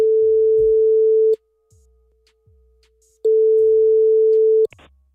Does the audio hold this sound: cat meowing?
no